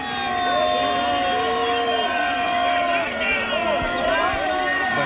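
A large crowd boos and shouts "shame" (vergüenza) angrily after hearing that Junts per Catalunya will vote against two decrees. Many overlapping voices rise and fall in a loud, continuous roar of protest that fills the whole stretch without pause.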